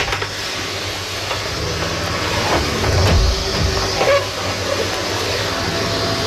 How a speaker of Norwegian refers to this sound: Det rett og slett bare at du støvsuger? Ja, støvsuging mitt bidrag noen ganger. Nå det såpass mye aktivitet I min heim at det støvsuges omtrent hver dag.